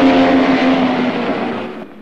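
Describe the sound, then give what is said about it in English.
A silver convertible car's engine roars loudly past at speed, its tone steady then fading slightly as it moves away, with no voices. “Then the gorilla in the silver convertible speeds past him again.”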